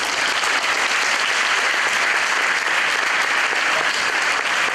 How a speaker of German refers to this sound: Achtung! Applaus!